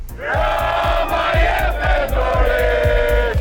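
A large protest crowd chants loudly in unison in the evening outside the government palace in Tirana, Albania, calling for Prime Minister Edi Rama to resign. The voices blend into a steady roar, with rhythmic thumps like drumbeats or stamping pulsing underneath about twice a second.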